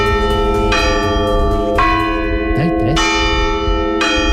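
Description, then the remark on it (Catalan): Church bells toll a slow funeral death knell, with four heavy strikes about a second apart, each leaving a long ringing hum that overlaps the next. Loud. “ha tingut la delicadesa d'enviar-nos un àudio perquè sapiguem d'una vegada per totes com sona el tocamorts de les campanes.”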